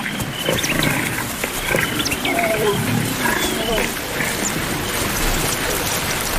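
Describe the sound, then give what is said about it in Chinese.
A group of 13 lions roar in deep, rough, rumbling bursts that overlap into a steady growling din for several seconds, over a constant hiss of background noise. “这13头狮子居无定所，没有自己的领地，还要尽量避开其他狮群。”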